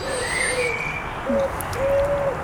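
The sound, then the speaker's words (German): Birds calling: a few soft, hooting tonal calls, each held for a moment, over a faint steady background, with a thin high whistle early on. No one speaks. “Zunächst mal mit den Vögeln”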